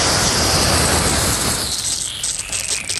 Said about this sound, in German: Ich könnte jetzt sagen, ich habe was in der Hand, was spritzt. Hä? Das ist mein Gartenschlauch.